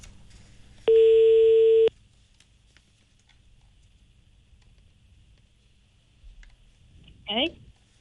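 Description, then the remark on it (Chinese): A telephone ringback tone sounds once, a loud steady one-second beep, followed by several seconds of near silence with faint background noise and a brief chirp near the end, while calling a staff member of the Pangda Hongqi car dealership. “好嘞，我们尝试来联系一下啊，他给的我们这位新同事的电话啊，看看他知不知道这个事儿。”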